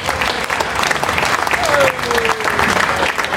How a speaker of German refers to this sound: Und ich möchte mich heute von Herzen bei allen Ehrenamtlichen bedanken, weil ohne euch wäre dieses Heinerfest nicht möglich. Ein Applaus für alle Ehrenamtler, bitte.